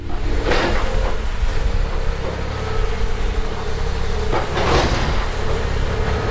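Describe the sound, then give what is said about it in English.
A heavy diesel engine drones steadily throughout as an enormous excavator opens the southwest wall of Central Grade School on 8th Street in Traverse City, a demolition for a renovation project, with two loud crunching, scraping bursts of breaking material, one early and one near the end. “An enormous excavator hacking away at the southwest side of Central Grade School, opening a wall.”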